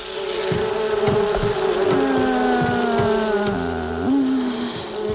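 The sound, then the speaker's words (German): Wasps buzz in a steady, droning hum whose pitch wavers and dips as they move around, with faint pattering in the background and no one speaking. “Die Wespen, ja, die haben richtig Bock auf Stress.”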